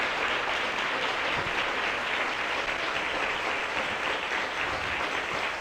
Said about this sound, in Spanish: ¿Cuántos dan gloria a Dios? Dale un aplauso al Rey con todo el corazón.